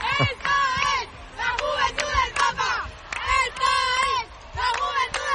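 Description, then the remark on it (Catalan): A large crowd of young people in Madrid chants "Papa León, te queremos un montón" to Pope Leo XIV loudly in unison, their voices rising and falling in repeated rhythmic phrases with short breaks between bursts. “Bé, són els crits que ha hagut de...”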